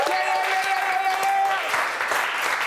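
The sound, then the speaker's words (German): A small crew claps steadily for a few seconds for a performing artist, a traditional crew applause. It is a dense patter of hand claps with a brief whoop or voice mixed in, fairly loud throughout. “Wir geben jedem Künstler, was sonst irgendwie bedrückend wäre, einen Crew-Applaus.”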